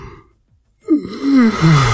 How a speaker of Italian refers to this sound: Ho sentito lui che russava e adesso che si è svegliato.